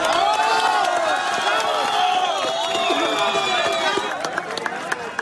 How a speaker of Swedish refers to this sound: Här ljud från staden Pereira i natt, då applåder bröt ut när en kvinna räddades efter 1,5 dygn under ett ihoprasat hus.